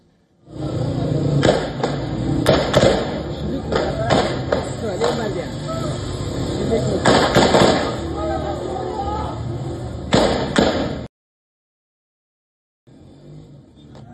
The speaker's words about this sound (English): tensions have flared in western Afghanistan after a protest over the detention of women violating Taliban dress codes turned violent. Eyewitnesses reported gunfire, injuries and arrests as security forces moved to disperse demonstrators in Herat.